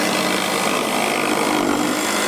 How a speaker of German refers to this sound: Da kreischen also nicht die Gitarren dieses Mal, sondern die Kreissägen. Es wird da gefeilt und gehämmert und gebohrt